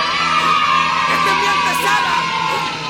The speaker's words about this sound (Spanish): Aplauso, aplauso para todos los animalitos.